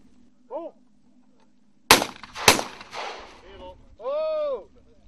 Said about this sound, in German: Und Sie können ja gleich sehen, wenn der erste Schuss fällt. Die Tauben sind gut, sehr gut sichtbar. Genau. Feuer frei!